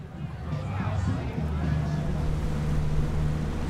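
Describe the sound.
A boat's motor drones steadily on the open water of the Maschsee lake, a low continuous hum with wind and water noise around it, and faint voices briefly audible in the background.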